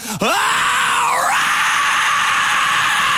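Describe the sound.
A person imitating a rock singer lets out a long, loud, gritty rock-style scream, held for about three seconds, its pitch sagging briefly midway before holding steady again, with no talking.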